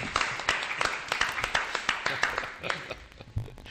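Applause of brisk, sharp hand claps that repeat in a fairly steady rhythm for several seconds at a moderate level, with a faint murmur of voices underneath.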